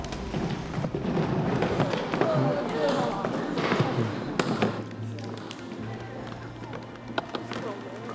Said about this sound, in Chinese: 落地的声音轻一点啊，不要砸地板。